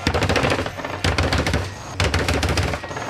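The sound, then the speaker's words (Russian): Three loud bursts of rapid automatic gunfire, three volleys fired at a man, each lasting about a second and starting one right after the other, with a dense crackling rattle and no voices. “Мясоруб делает 3 залпа по Косте и убивает его.”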